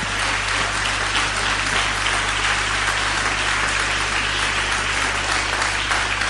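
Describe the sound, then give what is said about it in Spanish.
An audience at a Christian worship service gives a big round of applause to the Lord, clapping steadily and loudly for several seconds. Dense overlapping claps form a continuous wash of sound, with no voices standing out. “Aleluya, denle un aplauso grande al Señor.”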